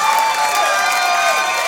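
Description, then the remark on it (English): A live audience claps and cheers steadily, a dense wash of applause with whoops and shouts mixed in, sustained at an even, fairly loud level without letting up. “Ladies need to pay very close attention to men who are not laughing or clapping right now.”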